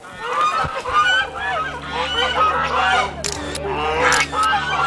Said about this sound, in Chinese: 好，那你可以把鹅赶出来。